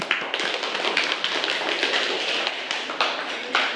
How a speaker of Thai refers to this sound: ซึ่งข้อนี้ถูกต้องค่ะปรบมือให้กับตัวแทนห้องของเราหน่อยค่ะ